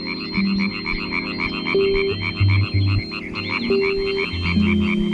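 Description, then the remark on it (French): A chorus of European tree frogs (Hyla arborea) croaking in rapid, rhythmic bursts at a forest pond in Switzerland, a dense pulsing rattle that carries steadily throughout, with no voices. “La rainette verte qu'on entend croasser se reconnaît facilement à sa couleur et au disque adhésif qu'elle porte au bout de ses doigts.”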